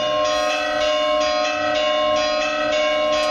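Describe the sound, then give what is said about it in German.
Church bells of Lecce, Italy, peal loudly and steadily at 9 o'clock, with fresh strikes about every half second over a rich, lingering ring. No voices are present. “Und da klingen die Glocken. Die Glocken von Lecce.”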